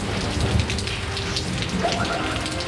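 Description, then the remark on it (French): Steady rain patters densely on a surface while low thunder rumbles underneath over the old Roman arena in Limoges, a continuous stormy wash with no voices. “Le sermon vient à peine de commencer, l'orage gronde menaçant et la pluie à sa suite.”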